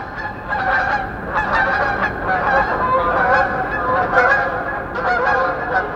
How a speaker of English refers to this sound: So in the springtime, I'll be doing the dishes, and I'll hear a flock of snow geese go over at 5,000 feet, because I've got a microphone out there bringing those voices in.